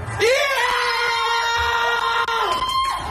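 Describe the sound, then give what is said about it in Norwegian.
Loud, sustained high-pitched screaming from several people at once reacting to the first goal, scored by Antonio Nusa: a long continuous cheer of excitement that holds steady for about two seconds before breaking off, with a few shouts trailing after. “en grei skriking der også”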